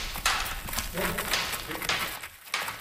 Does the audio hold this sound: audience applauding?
no